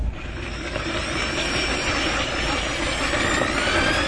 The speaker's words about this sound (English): Ken wields a drill half his height. He's standing over it like he would a jackhammer, and he's drilling down through the ice.